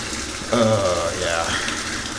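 Water sloshes and swirls steadily in a bathtub of hot water as the bather adjusts the water, a continuous splashing wash, with a brief voiced sound like a sigh rising over it partway through.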